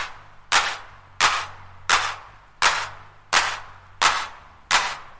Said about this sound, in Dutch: En dan een klap. Een klap? Ja, zo'n klapmachine.